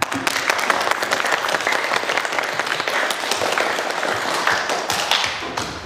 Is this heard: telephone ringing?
no